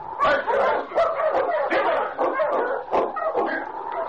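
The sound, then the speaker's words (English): Several sled dogs bark and yip excitedly in an overlapping, continuous chorus, fairly loud, with sharp repeated bursts throughout. “Take charge of your dogs, Joe.”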